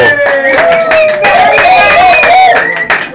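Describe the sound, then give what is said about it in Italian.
A loud live crowd, the audience at Hub 52 in the city of Ancona, applauding and cheering during a recording, with steady clapping mixed with excited voices calling out, continuous throughout. “La voce che le voci che sentite, l'applauso, è il meraviglioso pubblico dell'Hub 52.”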